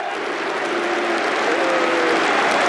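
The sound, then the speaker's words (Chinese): Arsenal and Aston Villa fans in a stadium applaud Konsa's first appearance for Arsenal in the 79th minute, a dense wash of clapping with a few faint whistle-like tones threading through the crowd noise, holding a constant loudness throughout. “第79分钟，他首次代表枪手出场，得到了双方球迷的掌声。”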